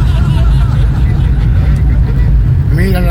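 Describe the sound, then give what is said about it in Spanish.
A steady, loud low rumble of idling vehicle engines from a line of cars queuing for gas at a roundabout fills the scene without pause, with people's voices talking faintly over it. “la fila que hay para el gas de la rotonda.”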